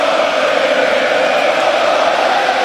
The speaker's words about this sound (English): Man, the crowd was loud. This is the beginning of the game. The puck hasn't even dropped. It's deafening.